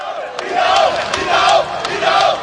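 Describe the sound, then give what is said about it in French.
A crowd of about a thousand football supporters from the diaspora, cheering on the Elephants national team at an open training session at the Charletti stadium in Paris, roars and chants in steady rhythmic swells, the massed voices rising and falling about every second with sharp bursts of noise on the beats. “Il suffit d'un petit geste de la main de Christ Inao Oulai pour enflammer le millier de supporters venus encourager les éléphants.”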